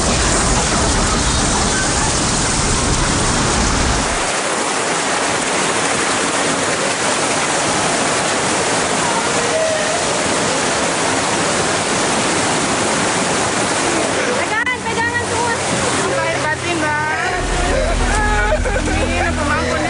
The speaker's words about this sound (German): Da die Gegend hier sehr flach ist, strömt das Wasser bis zu 5 Kilometer ins Landesinnere. Die Flutwelle reißt alles mit, was sich ihr in den Weg stellt.